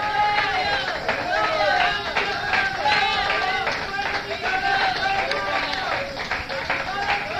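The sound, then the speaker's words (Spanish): An audience at the Santa Casa de Dios church breaks into sustained, loud applause to the Lord, dense clapping rolling on without pause while many voices cheer and call out over it. “Bueno, pues fuerte aplauso al Señor.”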